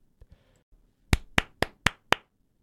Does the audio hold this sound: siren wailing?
no